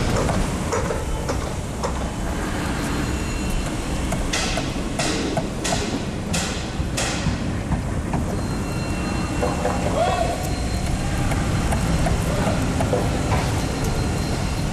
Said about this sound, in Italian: Come il martello pneumatico si accorda con le scavatrici, mentre la ruspa fa da sottofondo. Che arte, che arte!